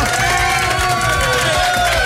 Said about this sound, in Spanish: Es de buena suerte que tu mamá te felicite en la radio cuando vas a cambiar de escuela. ¡Fuerte el aplauso!